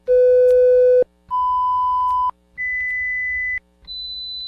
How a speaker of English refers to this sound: While the tones we played are not an actual hearing test